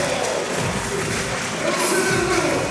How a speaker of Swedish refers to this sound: Och publiken är igång, upp med skyltar. Alla har fått en papplapp där det står block på. Och efter en blockering då så lyfter man dem där och skapar en scenografi som är ganska läcker här inne i mässhallen i Brno den här kvällen.